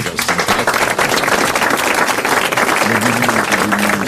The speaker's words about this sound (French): Vous allez applaudir monsieur Laclos, qui a bien mérité les grosses têtes. Bravo, monsieur Coderlo.